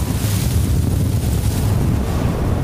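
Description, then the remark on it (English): Strong Gobi desert wind roars steadily at night, gusting up to 70 miles an hour with wind chill near minus 50, buffeting the microphone with heavy low rumbling gusts and a broad hiss, loud, with no voices. “about the past 24 hours, we've been experiencing the Gobi winds. It's been gusting up to 70 miles an hour all night, and the temps have probably been down to almost negative 50 with the wind chill.”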